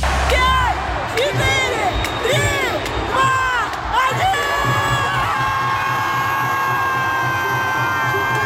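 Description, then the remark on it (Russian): A large crowd of fans of the Yugra hockey club roars and cheers as the team becomes champion of Russia, many voices whooping and shouting at once, with steady horn-like tones rising over the din in the second half. “Так встретили болельщики хоккейного клуба «Югра» чемпионство любимой команды.”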